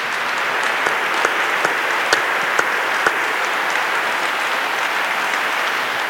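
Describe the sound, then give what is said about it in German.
Steady, dense applause from a crowd at a talk show at the Adoratio Congress in Salzburg, for the participants and what they shared, fills the whole stretch, a loud continuous wash of clapping with a few sharper individual claps standing out, and no voices. “Ich möchte jetzt um einen Applaus bitten, um einen kräftigen Applaus für euch und das, was ihr geteilt habt.”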